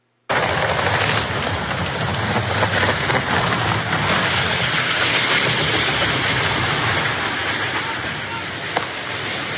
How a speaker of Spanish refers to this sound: Es justo en este momento en el que se desploma el helicóptero.